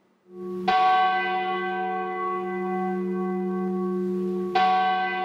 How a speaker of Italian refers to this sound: I rintocchi delle campane, 23, come i nomi delle vittime della tragedia di 10 anni fa. È il suono che spezza il silenzio nella piazza davanti alla stazione di Andria